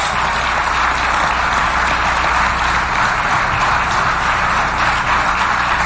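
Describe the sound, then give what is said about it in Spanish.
Loud, sustained applause from a large crowd for Mexican president Claudia Sheinbaum, a dense continuous wash of clapping that holds steady for several seconds with no voices standing out. “Un aplauso a la presidenta Claudia Sheinbaum.”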